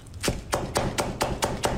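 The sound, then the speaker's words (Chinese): A knife finely chops two stalks of celery and two scallions on a cutting board in a quick, steady rhythm, about eight crisp thuds in under two seconds, with no talking. “准备芹菜和小葱各2根，切碎备用。”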